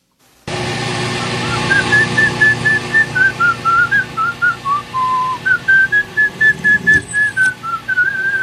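Someone whistles a slow, tuneful melody of steady sustained notes, the hymn tune called 'God's Trumpet Sound', clear, over a low engine-like hum with a brief clank near the end.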